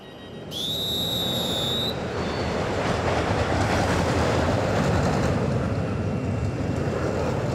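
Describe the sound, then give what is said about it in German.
A roller coaster on its daily test run thunders along its track in a steady, loud rumble, opening with a brief high-pitched squeal and its overtones before settling into continuous rolling roar. No one speaks. “Das ist die Achterbahn, die macht Probefahrt.”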